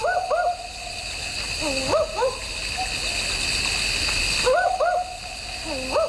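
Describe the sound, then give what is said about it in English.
Short, doubled woof-like calls of a barking owl repeat in pairs and small bursts, clear, over a steady hiss of insects or running water in the background. “We were speaking earlier about the barking owl on the program. You might have heard this.”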